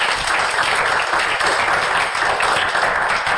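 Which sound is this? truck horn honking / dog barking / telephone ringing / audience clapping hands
audience clapping hands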